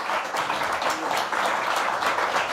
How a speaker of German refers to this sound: ich finde, das ist wirklich, ich finde, es hat nochmal einen Applaus verdient, dass wir hier 9 Künstler und Künstlerinnen hatten.